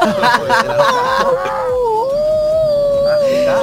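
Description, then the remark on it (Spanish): A person loudly imitates the howl of their female dog, Negra Poli, starting with a few choppy, broken yelps before settling into one long, wavering, sustained howl. “Y bueno, la saludo como hace ella.”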